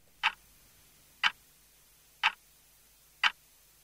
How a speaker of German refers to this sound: Kaum hörbar tickt sie, diese ungewöhnliche Uhr. Sie hängt im Foyer des Columba. Statt Stunden stehen auf dem Zifferblatt Wochentage.